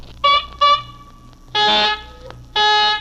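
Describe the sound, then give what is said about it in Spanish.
A nose is blown into a handkerchief with loud, horn-like honks: two short toots followed by two longer, brassy blasts, with no voices over them. “Puchica, ¿cómo le suena la nariz a este, mire?”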